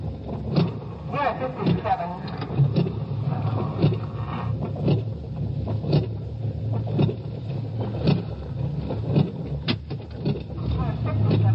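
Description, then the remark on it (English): A car engine rumbles low and steady, easing along at slow speed as a police car pulls in and parks about half a block away from a bar, with scattered knocks and clicks and some indistinct muffled voices mixed in. “Well, they're pulling in, parking away from the place.”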